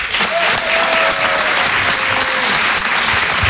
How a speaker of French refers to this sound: Merci d'applaudir très fort Emmanuel Baudin en direct sur Rire et Chanson.